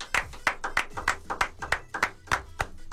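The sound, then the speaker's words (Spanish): Steady hand clapping, about ten sharp claps at an even pace of roughly three per second, each a crisp slap of moderate loudness with no talking over it; a round of applause meant to last five seconds that runs on for about ten. “Además seguía aplaudiendo.”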